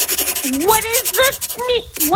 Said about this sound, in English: What's the sound now? That's just me. I'm writing it down here. Just writing it down on a pen and paper, with a pen and paper for you.